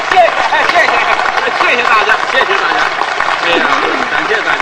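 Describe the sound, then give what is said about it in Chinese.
A live audience in Fujian claps steadily for several seconds to get a performer to sing, a dense, loud wash of applause with a few voices and cheers mixed in beneath it. “您不鼓掌他不唱啊，您一鼓掌他 就哦。”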